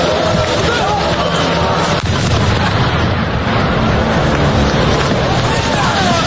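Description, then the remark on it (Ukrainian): Loud, continuous roaring rumble of explosions from Ukrainian drones striking the Afipsky oil refinery in Krasnodar Krai, southern Russia, with a sharper burst about a third of the way through, heavy, with indistinct voices murmuring beneath the noise. “Українські дрони поцілили в Афіпське НПЗ та один з ключових нафтотерміналів російського півдня – «Тамань-Нафтогаз».”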